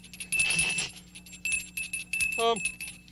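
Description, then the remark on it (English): A small hand bell is shaken in several quick bursts, its bright metallic ringing fairly loud, with a short rising piping tone breaking in near the end. “I always thought that when you shook a bell like this, a monster appeared playing a flute.”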